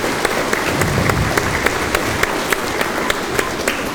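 An audience applauds steadily, a dense wash of many hands clapping with a few sharper individual claps popping out at irregular moments; no one speaks over it.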